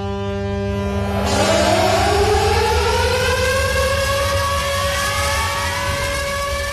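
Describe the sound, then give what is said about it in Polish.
Air raid sirens at Westerplatte start up at 4:45 to open the commemoration of the 87th anniversary of the outbreak of World War II, wailing continuously, their rising tones sliding upward over a steady low hum, loud and sustained with no voices present. “Dźwiękiem syren alarmowych rozpoczęły się o 4:45 na Westerplatte obchody 87. rocznicy wybuchu II wojny światowej.”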